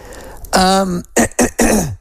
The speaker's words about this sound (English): and please, my apologies, my cough is still there.